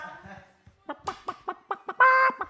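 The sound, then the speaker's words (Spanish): A voice imitates a hen's clucking: a run of short, rhythmic clucks, moderately loud, ending in a longer, drawn-out squawk. “No, y luego entre que me atacan las gallinas mi hermano...”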